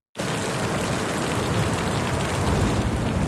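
Steady rain pours down in a dense, even hiss that starts abruptly and stays loud and constant throughout, with no voices or other sounds.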